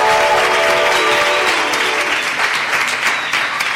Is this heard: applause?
yes